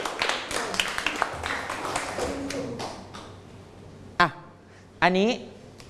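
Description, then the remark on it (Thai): A group of children claps together in a quick, scattered burst that fades out after a few seconds, followed by a couple of short, high voices calling out; the children sit down and clap for a classmate. “นั่งลงปรบมือให้กับเพื่อน”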